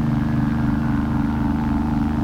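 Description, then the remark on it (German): A steady low rumble of cars on the nearby Veteranen street, droning evenly at moderate volume without clear individual pass-bys, with no voices present. “Die Autos auf der Veteranen.”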